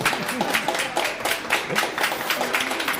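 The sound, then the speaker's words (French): A live crowd at a comics festival in Lausanne applauds steadily for a few seconds, a dense wash of many hands clapping, with scattered voices calling and cheering mixed in. “Bonjour à vous, foule en délire.”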